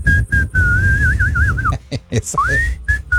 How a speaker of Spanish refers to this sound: Volteando la cara por todos lados y silbando así como le está haciendo usted